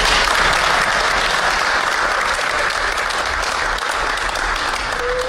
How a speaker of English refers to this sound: And clap for me.